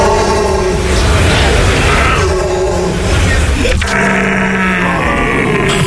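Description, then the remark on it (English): People competing for Stag of the Year in Germany imitate stag calls with loud, overlapping groans, grunts and wails, bellowing and wavering over a noisy background, with a steadier low drawn-out call near the end. “It's an eclectic mix of groans, grunts and wails, each one designed to be as close to the sound of the animal as possible.”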